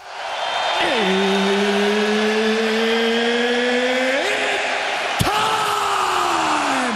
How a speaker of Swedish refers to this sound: Ja, så brukar det låta när de största matcherna drar igång under de populära galakvällarna som anordnas av UFC.